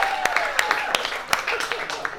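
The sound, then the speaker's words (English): Scattered claps from a small audience, a handful of sharp, uneven hits over a couple of seconds, with faint crowd voices and a whoop or two mixed in. “Clap it up if you agree, ladies.”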